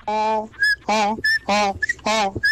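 A woman snoring in her room in a steady rhythm, four tonal, droning breaths in quick succession, each followed by a thin, high whistling squeak, fairly loud, recorded on a cell phone placed between her knees.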